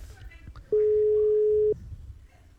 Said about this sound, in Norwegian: Det ringer en annen plass der ute I Radio Lutterland.